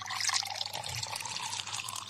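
Liquor pours steadily into a glass, a continuous splashing trickle with bright gurgling, fairly quiet, lasting a couple of seconds with no one talking.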